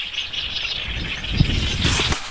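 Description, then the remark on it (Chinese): A dense chorus of many birds calling at once at a wetland where herons, grey cranes and lapwings gather, a steady shrill chatter that never pauses, with a low outdoor rumble underneath and no voices. “大片的声音，鸡嘎全这声音。”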